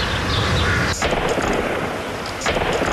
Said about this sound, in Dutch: Meer dan 17 uur na de dodelijke explosie is het nog steeds niet stil in Enschede. Telkens weer ontploft vuurwerk.